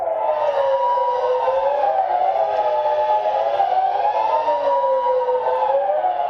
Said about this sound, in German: Eine solche Sirene begrüsst ihn gerade am Anfang vor Ausstellung. Eine Sirene als Objekt, das viele Emotionen auslöst. Die heute immer noch in der Schweiz auf den Dächern steht und jedem ersten Mittwoch im Februar getestet wird.